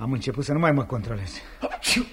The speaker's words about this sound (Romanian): Tu strănuți și zici că eu-s răcit.